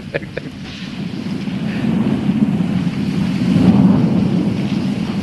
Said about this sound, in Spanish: Chico, supongo que no te quejarás de la lluvia, ¿eh?